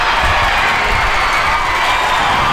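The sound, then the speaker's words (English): A sold-out crowd of more than 3,000 fans at the Hillsboro Ballpark cheers on the Portland Cascade softball team at its inaugural game against the Oklahoma City Spark, a loud, steady roar of many voices, with bright shouts rising above the dense wash of noise throughout. “A sold-out crowd of more than 3,000 fans cheered on the Portland Cascade as the team defeated the Oklahoma City Spark 3-0.”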